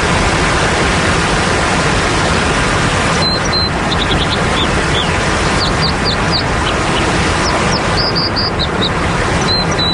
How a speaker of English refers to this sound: A loud and intrusive natural sound, such as a waterfall, has evolved as part of an ecosystem over a long period of time.